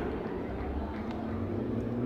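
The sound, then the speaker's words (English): A steady, low engine rumble of city traffic in downtown El Paso, with cars and motorcycles revving. It holds fairly constant loudness throughout, with no one speaking. “You can tell we're in downtown El Paso when you hear cars and motorcycles revving up like that, right?”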